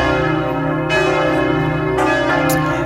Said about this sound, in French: Les cloches, parce que c'est à 10h tout à l'heure que toutes les cloches de toutes les églises de France vont résonner pendant 7 minutes. Des cloches pour célébrer l'arrivée du pape sur le sol français,